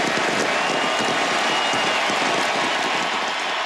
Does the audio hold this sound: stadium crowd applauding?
yes